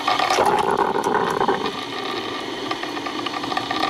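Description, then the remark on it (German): A coffee machine bubbles and gurgles as it brews, a steady watery hiss with crackling bursts, louder in the first half and then settling into a softer, continuous churn. No one speaks. “Oh, der Sound der Kaffeemaschine.”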